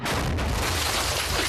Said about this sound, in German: Das war aber ein echt guter Schuss. Das ist bestimmt kein RPG. Nicht mal annähernd. Schau mal. Siehst du die Wand? Ich habe doch gesagt, ihr sollt weiter hinabsteigen. Hast du das Loch da gesehen? Glatter Durchschuss.